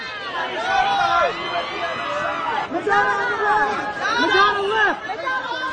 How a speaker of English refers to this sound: All the photographers screaming at people on the red carpet.